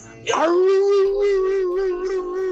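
A dog lets out a long, sustained howl, a steady wavering tone that holds for a couple of seconds with a slight rise at the start.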